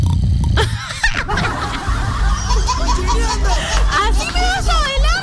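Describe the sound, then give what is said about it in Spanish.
A voice imitates how a friend snores, with loud, rough, guttural rasps that rise and fall over a busy background of laughter and chatter from several people. “Así ronca mi causa, ve, así ronca.”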